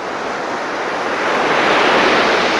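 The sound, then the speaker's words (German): Ocean waves wash onto a beach on the coast of Portugal in a steady, broad roar that swells slightly louder toward the end, with no voices present. “Das Rauschen von Wellen.”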